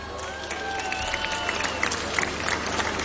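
Steady audience applause for music at an event of RFM's Oceano Pacífico programme, a dense wash of many hands clapping at even loudness, with a few thin whistle-like tones drifting above it early on.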